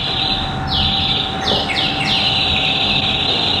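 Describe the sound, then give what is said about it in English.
Several quick, downward-swooping bird-like whistles from a theatre organ, chirping in a short cluster over a steady sustained tone and a dense background hum. “Oh, the birds whistling, yes.”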